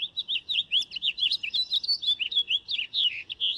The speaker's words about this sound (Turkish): O ses bülbülün en tipik seslerinden biri. Buraya geldiğinizde bazen o sesi duymak için biraz beklemek gerekiyor. Onu duyduğunuzda gönül rahatlığıyla ha tamam bülbülmüş diyebilirsiniz.